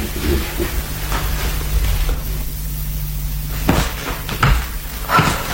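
A door is pushed shut, giving a few dull knocks and a latch click over a steady low hum and background hiss. No one speaks.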